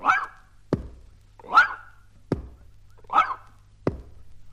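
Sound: small dog barking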